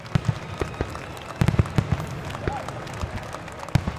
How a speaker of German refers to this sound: Heute ist das Duisburger Hafenfest ein Riesen-Event, eine große Kirmes mit lauten Fahrgeschäften und bunten Buden, aber auch mit Live-Musik und einer Schiffsparade mit beleuchteten Booten. Und natürlich gibt es als Höhepunkt auch ein Feuerwerk.